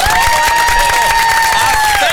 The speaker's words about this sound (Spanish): Que ustedes les regalen un aplauso fuerte a Telemicro.